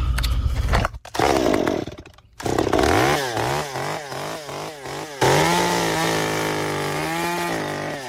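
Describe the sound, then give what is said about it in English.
A chainsaw used for shaping wood revs up loud, its engine pitch rising and falling in a quick repeated pattern as it bites into wood, then holds a steady high whine. “Sometimes I use a bigger chainsaw to cut some areas out, but this is my main thing here, and I'll show you how it works here.”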